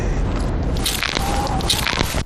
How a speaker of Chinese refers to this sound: 这个声音， 对，就这个声音。我这个膝盖做了手术，就是每一次蹲下去起来，它都咔嚓咔嚓的响。 常年的登山下山伤膝盖， 一直在野外工作跑了十几年，所以呢我这个一双膝盖磨损特别严重。